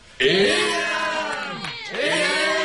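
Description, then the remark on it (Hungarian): A crowd shouts and cheers loudly, many voices overlapping in a sustained roar with rising and falling cries, briefly dipping before surging again. “A többiek éjjent kiáltoznak nekik, és nagy örömmel felemelvén kiviszik őket.”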